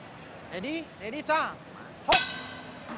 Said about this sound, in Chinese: Ready, 钟声敲响，比赛开始。